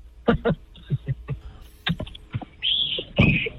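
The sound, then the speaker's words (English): Two short, high-pitched whistled notes from a neighbor, the second slightly lower, following a series of faint clicks and knocks. “Oh, you just did a fake whistle.”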